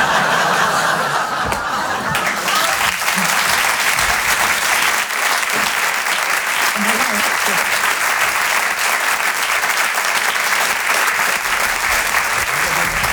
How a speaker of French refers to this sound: On peut l'applaudir très fort, Noël Perna et son ruban. Bravo Mado.